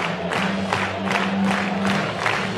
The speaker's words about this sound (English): Crowd clapping it up with two strikes.